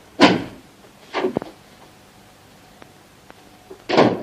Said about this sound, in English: He grabs the door handle. It comes away in his hand. Indignant, he sticks it back on, turns the key, opens the door and departs.